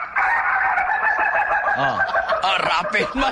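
A rooster crows loudly, a long drawn-out cock-a-doodle-doo filling the whole moment, with other chicken clucks and crows overlapping in the background.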